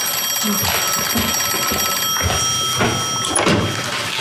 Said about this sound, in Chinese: 哎，你怎么不接电话呀？ 你去接吧，要是警察厅来的，告诉他们我上班去了，刚走。